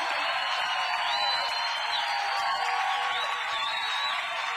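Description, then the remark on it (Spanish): An audience applauds Jesus Christ the Savior in a loud, dense, steady wash of clapping lasting several seconds, with faint whistles or whoops rising above it now and then. “Rindan ese aplauso más fuerte a Jesucristo el Salvador.”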